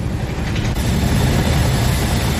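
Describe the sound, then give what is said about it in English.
British Royal Marines rope down from a hovering helicopter to board the oil tanker Smirnov, a Russian Shadow Fleet vessel, in the English Channel. The helicopter's loud, unbroken roar is dominated by a heavy low rumble and a dense wash of rotor noise, with no voices. “The sound there of Royal Marines descending from ropes from a hovering helicopter.”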